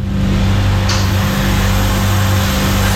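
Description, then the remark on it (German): A refrigerator hums steadily in the morning outside an ice cream shop on Spitaler Straße, a low droning buzz with a faint hiss on top that holds at an even level throughout, with no talking. “Der Kühlschrank, der bei dem Wetter heute wieder Gold wert ist.”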